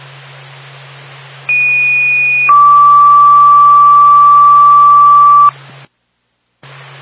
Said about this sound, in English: Franklin State Franconia Fire Department. Stand by for tone.